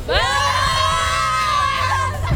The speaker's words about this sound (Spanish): Está bien puesta la playera y además tiene porra. A ver, ¿cómo está esa porra?